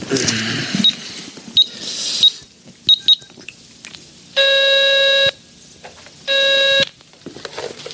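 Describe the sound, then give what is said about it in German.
A call is made from a payphone with a phone card: handling clatter and clicks, a few short electronic beeps like keypad presses, then two steady buzzing ring tones, about a second each, separated by a pause. “können wir doch wenigstens mal anrufen und fragen, oder?”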